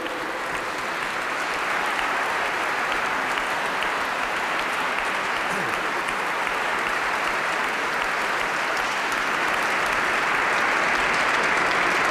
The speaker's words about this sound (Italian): Bene, è un bel applauso chiaramente del pubblico.